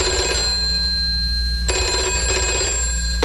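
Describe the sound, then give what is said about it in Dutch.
A telephone rings with a steady, bright electronic trill, two long rings in a row, clear with nobody speaking over it. “En wie heb ik vandaag aan de telefoon?”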